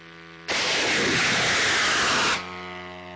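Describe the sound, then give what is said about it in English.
A Ukrainian military team launches a long-range drone into the night sky with a sudden, loud roaring whoosh that lasts about two seconds and then cuts off sharply, leaving a steady low engine-like hum before and after. “we recently joined the Ukrainian military team that launches these long-range drones, and here's what it sounded like.”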